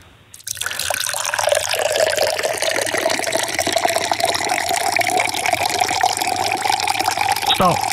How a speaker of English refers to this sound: Andrea is about to commence the pour.